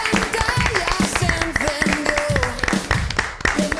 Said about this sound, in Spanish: Como Premio Andalucía más Social 2025 por las buenas prácticas en atención a personas con discapacidad. Y aquí abajo pone a Spapros. Toma ya. Oh, qué bien, ¿no? Esto sí que se merece un aplauso.